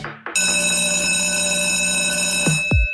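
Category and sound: signal or alarm, ringing bell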